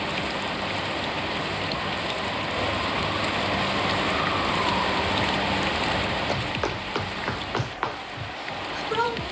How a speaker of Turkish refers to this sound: paltonu al, yağmur yağıyor. Hadi paltonu al.